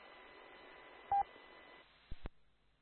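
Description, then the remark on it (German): A few short, loud DTMF keypad tones beep over a band of hissy radio static, a pair close together early on and two more near the end, with no one speaking. “Ja, hier wird wieder fleißig gedrückt.”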